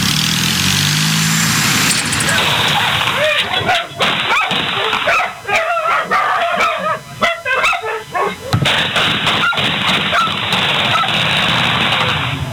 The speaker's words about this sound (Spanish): Así fue el ataque a balazos que ocurrió este sábado por la tarde en la zona de Nuevo París. Un auto pasó por camino Lecoque y Carlos María de Pena y arremetió balazos contra una casa.